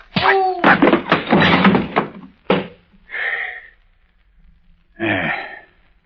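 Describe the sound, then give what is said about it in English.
A loud flurry of scuffling thumps and bangs as a man crashes heavily to the floor, one last sharp thud, then two breathy groans with a pause between them. “Hey, you landed kind of hard, sir.”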